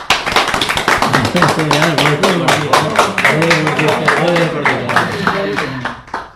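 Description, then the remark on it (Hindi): An audience applauds to welcome a young writer about to share her new poem, with dense, steady clapping for about six seconds while voices talk over it, and the clapping tapers off quickly at the end. “तालियों से उनका स्वागत कीजिए।”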